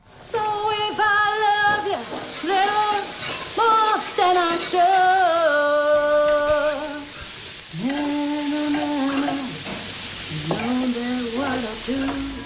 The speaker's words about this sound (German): hier beim Kochen mitsingt, während's im Hintergrund brutzelt